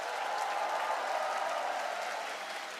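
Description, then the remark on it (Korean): An audience applauds steadily, a dense wash of clapping hands that holds at an even level and eases only slightly toward the end. No one speaks over it. “더 크게 박수 보내주시죠.”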